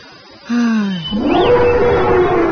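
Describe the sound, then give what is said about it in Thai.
A royal elephant, just bathed and being offered sugarcane, trumpets loudly: a low groaning call that swells into a harsh, blaring trumpet lasting about two seconds, with no one talking. “เอ๊ทำไมหมูนี้ช้างต้นเป็นอย่างนี้นะ”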